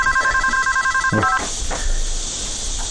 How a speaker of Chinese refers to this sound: 小哥来电话。